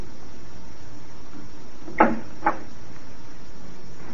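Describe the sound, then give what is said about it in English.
Two quick wooden thumps about half a second apart, like a door being opened and then shut, against a quiet, steady background hiss with no talking. “I'll see you to the door.”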